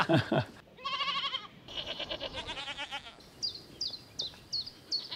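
Several goats on a farm bleat in overlapping, wavering calls, fairly loud, followed by a series of short high chirps repeating at a steady pace, like birds.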